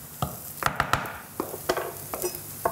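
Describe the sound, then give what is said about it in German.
A cooking spoon scrapes and clicks irregularly against a pan as flour-and-egg batter is stirred, a dozen or so sharp strokes over a faint, steady sizzle of cooking. “Mehl-Eierbrei in die Pfanne. So, nimmst du mal den Kochlöffel bitte raus?”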